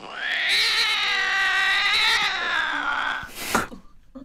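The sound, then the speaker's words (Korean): A cat lets out one long, drawn-out plaintive cry, loud, its wavering wail sustained for several seconds before breaking off into a short, sharp sound at the end. “이게 피가 끓는 심정으로 이 너무 사랑하는 우리 주인님을 내가 이 긁었다라는 게 믿기지 않아서 가슴 끓는 이 울음으로 이 고양이가 사과를 한 거고요.”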